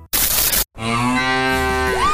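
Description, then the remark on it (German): A brief burst of hissing noise, a short pause, then a single loud, drawn-out cow moo from a mooing Müllermilch milk bottle that rises in pitch near the end, clear with no talking. “Finde die letzte Muhende Müllermilchflasche und gewinne 50.000 Euro.”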